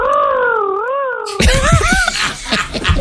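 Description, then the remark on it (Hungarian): A voice imitates an airplane flying away while moving away from the telephone: a loud, steady droning hum with a slow wavering pitch, which turns rougher and breathier halfway through before trailing off unevenly. “Igen, igen, így távolodj el a telefontól, miközben adod a hangot.”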